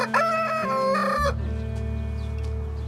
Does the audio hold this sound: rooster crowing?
yes